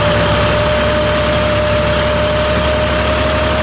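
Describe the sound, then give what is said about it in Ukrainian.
A tractor engine runs steadily, a loud, constant low rumble with a droning mechanical hum and no breaks over the whole stretch, as a farmer mows grass on his farm in Ukraine's Cherkasy region. “Кожного ранку о 6-й годині я встаю і включаю зрошення саду та завожу свій трактор і кашу траву.”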